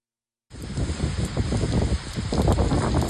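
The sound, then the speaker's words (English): Heavy torrential rain pours down steadily overnight on cities east of Tokyo, in the Chiba region of eastern Japan, after a brief silence. A dense, loud hiss with drops pattering hard on surfaces and a faint gusting of wind, no voices. “The torrential rain that pounded cities east of Tokyo overnight flooded roads and dozens of homes and caused power outages.”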